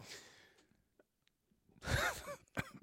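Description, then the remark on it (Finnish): A fairly loud throat clearing and a short cough, two quick bursts near the end after a stretch of near silence with soft breathy noise at the start. “Joo, siis ei kun mulla pikkusen yskittää tuossa.”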